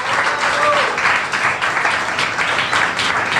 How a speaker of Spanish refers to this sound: Hermanos, demos un aplauso.